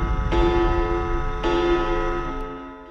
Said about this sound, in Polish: W sobotnią noc, gdy zegar wybije północ.